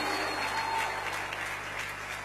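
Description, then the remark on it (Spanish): A crowd claps loudly and steadily, a dense continuous wash of applause, with a faint voice or tone barely audible underneath; the applause is offered to the Lord, the "King of Kings and Lord of Lords". “Denle ese aplauso fuerte al Rey de Reyes y Señor de Señores.”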